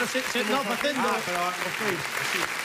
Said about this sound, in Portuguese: Pon aplausos enlatados tamén, mira.